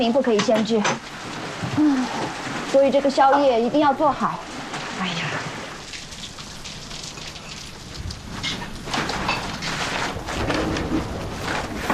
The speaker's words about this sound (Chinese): 哎呀！ 下雨了